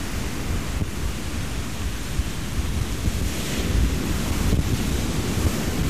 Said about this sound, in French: Alors, ouf, les grosses vagues du Prado qui font bouger mon micro.